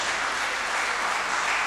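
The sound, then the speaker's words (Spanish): A crowd applauds steadily after a name is announced from a numbered list, a dense, even wash of many hands clapping at a constant loudness throughout, with no voices standing out. “Un aplauso.”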